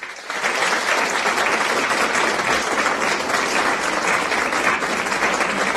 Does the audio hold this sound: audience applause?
yes